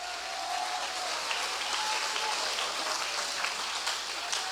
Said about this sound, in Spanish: ¿Cuánto damos palmas al Señor? Dele palmas.